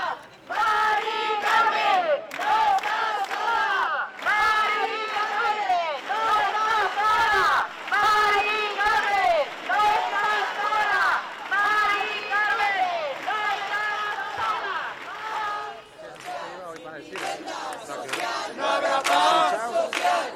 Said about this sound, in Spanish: Estos son los cánticos, los gritos y las protestas en Sevilla en estos momentos en directo, en la Plaza de la Encarnación, junto al monumento conocido como Las Setas, la casa para quien la habita, no para bancos ni para especuladores.